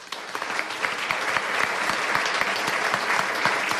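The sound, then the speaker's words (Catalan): A live studio audience of more than 70 people at a public recording of the radio programme Les Portes de Troia on Ràdio Castellar applauds steadily, dense overlapping claps filling the room at a strong, even level from start to finish with no voices standing out. “Moltíssimes gràcies, un aplaudiment per vosaltres.”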